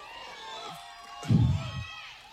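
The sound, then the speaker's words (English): A crowd cheers and shouts in a steady wash of voices while waiting for Jermaine, the Democratic nominee for governor of South Carolina, to address it, swelling into a louder burst of whoops and applause midway before easing back to a lively roar. “And we're still waiting for Jermaine to address this crowd. They're pretty amped up, as you can imagine.”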